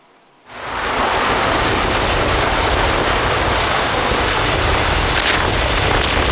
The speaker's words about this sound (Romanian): În Dâmbovița, un bărbat a fost salvat în ultima clipă cu elicopterul din mijlocul unei viituri.